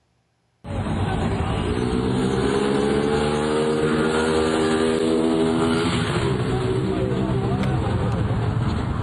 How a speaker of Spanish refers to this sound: hombre aceleró en una motocicleta y huyó del lugar, dejando atrás a la mujer que lo acompañaba.